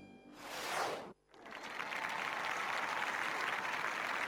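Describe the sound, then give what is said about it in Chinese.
A burst of crowd applause swells and cuts off abruptly, then a second round of dense, steady clapping follows and continues loudly to the end, with no talking. “李云光摆了摆手，止住了众人热烈的掌声。”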